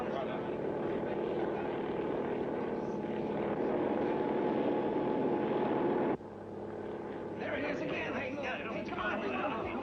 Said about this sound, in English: A party of scientific experts is now taking off by helicopter.